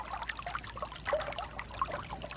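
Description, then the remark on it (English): Water runs and trickles steadily in Morocco, with small bright splashes and gurgles scattered through a continuous babbling flow, moderately quiet, with no voices; recorded by sound engineer Felix Blum. “He's also recorded the sounds of water running in California, in Morocco, as we're hearing now, and close to Chernobyl in Ukraine.”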